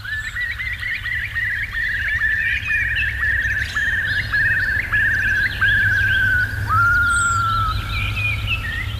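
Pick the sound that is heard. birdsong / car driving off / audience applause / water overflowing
birdsong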